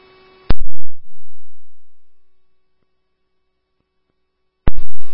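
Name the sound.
phone call disconnected tone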